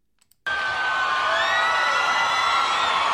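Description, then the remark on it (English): A large crowd at a live rock concert at the MCG stadium in Melbourne on March 14, 2009 bursts into loud cheering and whooping after a brief quiet moment, sustained and dense with overlapping high-pitched shouts and whistles, continuous throughout. “You are such a good crowd for such an important event.”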